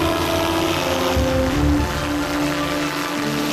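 A drone's propellers whir in a steady, loud buzz with tonal layers, holding close and constant throughout, with no voices.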